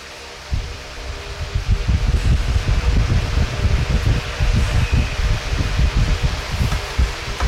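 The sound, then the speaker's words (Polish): An oscillating electric fan runs with a steady whooshing hum and a rapid fluttering, gusty pulse, starting abruptly and continuing without any talking. “Jak ja widziałem jakiś wentylator, w którym to działało w drugą stronę, dlatego tak zgadłem, ale jak widać, to różnie teraz funkcjonuje.”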